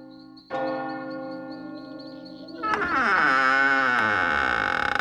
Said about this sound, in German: Nachts, wenn im Städtchen Eulenberg, das zu Füßen der Burg liegt, die Rathausuhr Mitternacht schlägt, erwacht das kleine Gespenst. Pünktlich beim 12. Glockenschlag öffnet es die Augen.